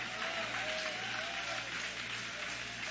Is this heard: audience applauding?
yes